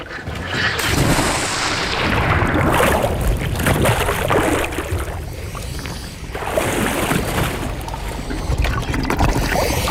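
A snorkeler wearing fins, mask and snorkel plunges into the Caribbean Sea off Martinique, then a continuous loud rush of churning, bubbling sea water, with no voices.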